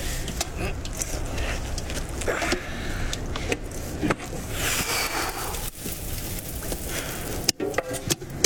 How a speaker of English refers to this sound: Something metal. It looks like a tin box. What's inside? Let's find out.